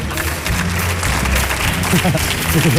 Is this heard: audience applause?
yes